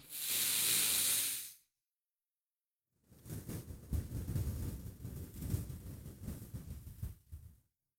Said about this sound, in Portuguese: Puxando pelo nariz, soltando pela boca comigo.